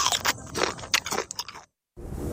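Loud crunching of a crisp Nabisco biscuit being bitten and chewed, a rapid series of brittle cracks for about a second and a half, then a brief silence and faint low rustling.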